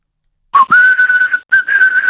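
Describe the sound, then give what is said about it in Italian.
A person whistles two long, steady notes over a thin, band-limited phone line, the second following after a brief breath, loud with no talking. “Come sei messo a fischi?”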